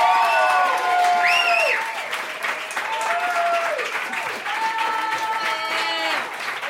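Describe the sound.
An audience in Cleveland claps steadily for a performer from L.A., a dense, continuous patter of hands, with whoops and rising cheers from several voices rippling over it throughout.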